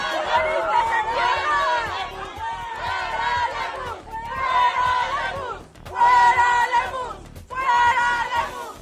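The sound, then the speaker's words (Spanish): A crowd of angry students who arrived late shouts loudly at ITESO, their overlapping voices surging in several strong waves with brief dips between them, a dense, raucous chant-like clamor throughout. “estos alumnos que llegaron al final son los que están gritando.”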